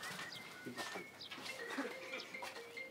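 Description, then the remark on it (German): Goats bleat on a goat farm in short, wavering calls scattered across a few seconds, over a busy farmyard background of higher chirps and thin whistling tones. “Und als wäre das nicht schlimm genug, gibt es auch noch ein Problem auf dem Ziegenhof.”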